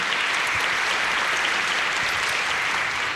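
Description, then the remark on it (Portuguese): Steady applause from a crowd for a deacon, many hands clapping in a dense, even wash of sound at constant loudness throughout, with no voices standing out. “Vamos dar uma salva de palmas ao diácono mais uma vez.”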